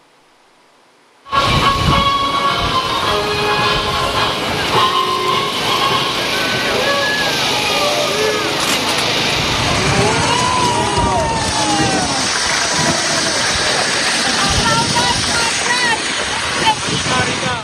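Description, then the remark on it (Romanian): After a moment of quiet, a loud crowd of spectators erupts into sustained booing and jeering during a speech by Prime Minister Ilie Bolojan at Navy Day (Ziua Marinei), a dense wash of many voices with rising and falling shouts that continues steadily to the end. “Câțiva spectatori au huiduit în timp ce vorbea șeful executivului.”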